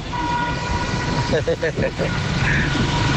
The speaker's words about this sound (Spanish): la famosa bocina de aquí, de Frente Guacalito. Esa es la famosa bocina.